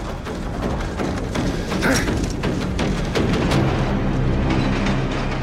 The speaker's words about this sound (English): Eric fires in vain at the train as it recedes.